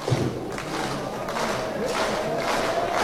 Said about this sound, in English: Fans clapping for strike 3.